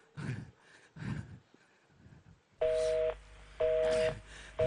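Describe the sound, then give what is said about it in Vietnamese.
A phone call to a number in Vietnam fails to go through: after a few muffled thumps, a loud busy tone beeps in repeated, evenly spaced bursts in the earpiece. “Dạ, thưa ông, tất cả các số điện thoại cài lại bên Việt Nam tôi đều không liên lạc được ạ. Gọi lại đi.”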